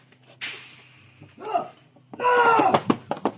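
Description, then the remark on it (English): A door slams shut with one sharp, loud bang that rings briefly as a man makes it out the door. Muffled scuffling follows, then a strained, hissing vocal sound and a few quick, hard thumps as a cobra strikes at him, clear across the room. “He made it out the door.”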